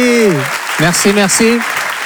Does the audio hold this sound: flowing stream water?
no